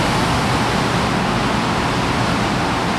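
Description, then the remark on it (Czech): A steady, powerful roar of rushing water inside the Štěchovice pumped-storage hydroelectric power station, on the first underground floor of the machine hall, dense and unbroken throughout, like a churning torrent with no pauses or voices. “Sílu vody si uvědomím okamžitě.”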